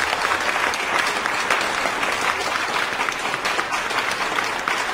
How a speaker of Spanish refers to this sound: Así que un aplauso también para los papás. Sea como sea. Usted, señor regañón, un aplauso para usted.